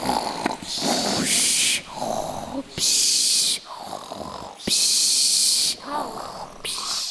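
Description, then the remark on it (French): Exaggerated, rhythmic snoring of a dad and mum, likely a voice imitating it: rough growling snorts alternate with long hissing breaths, about four cycles, loud. “les ronflements de papa-maman.”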